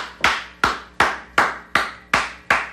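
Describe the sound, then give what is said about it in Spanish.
Six loud, sharp hand claps in a steady, even rhythm, each with a brief ringing tail, with no voices. More like a single clapper keeping time than a crowd applauding. “Aplausos, mi amigo.”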